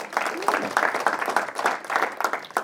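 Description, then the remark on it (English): An audience breaks into applause, a dense crackle of many hands clapping at once that holds steady at moderate volume for a few seconds, with faint crowd voices mixed in. “Round of applause.”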